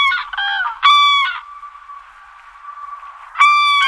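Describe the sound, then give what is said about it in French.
Loud, trumpeting calls of a crane (the bird) ring out in quick bursts, fading to a softer drawn-out note before one more strong call at the end; no voices. “Quand je parle de grue, évidemment, c'est l'oiseau, hein, pas l'engin de chantier.”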